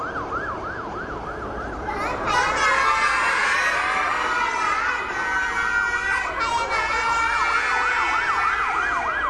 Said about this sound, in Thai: เด็กๆบอกว่ารถอะไรนะคะ รถพยาบาล เก่งมากค่ะรถพยาบาลนั่นเอง